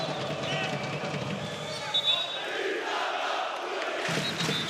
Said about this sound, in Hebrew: הקהל של חולון על הרגליים.